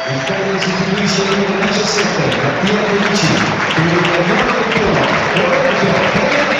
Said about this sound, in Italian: 73esimo minuto, gli applausi della Domus ancora per Mattia Felici. Dopo 13 minuti costretto a uscire.